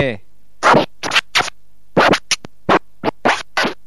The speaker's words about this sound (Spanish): Es un vinilo, un disco moviéndose tipo en una mesa de vinilo.